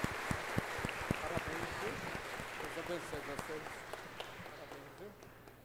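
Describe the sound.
An audience at a church service breaks into applause after a recited Hail Mary prayer, many hands clapping in a dense, uneven patter that holds steady and eases slightly at the end, with murmuring voices mixed underneath.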